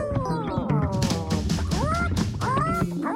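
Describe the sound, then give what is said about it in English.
Chickens cluck in a dense, continuous chorus of overlapping, rising calls, fairly loud, with no pauses and no talking. “And the chicken saw the nut and began to peck and to scratch and to peck and to scratch and to peck and to scratch and to peck and to scratch until soon the nut was covered with sand.”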